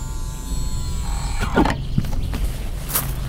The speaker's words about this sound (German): Vor einem gusseisernen Tor kam das Taxi zu stehen. Hope sendete den fälligen Betrag über ihr Phone an die Unternehmenszentrale und die Türen des Fahrzeugs öffneten sich.